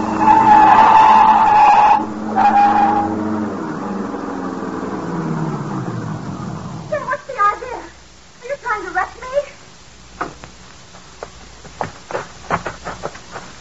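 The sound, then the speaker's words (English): A car skids off the road with a loud, high tire squeal for a few seconds, engine roaring beneath, then the motor rumbles on as voices break in over it. “Step on it now. Run her off the road.”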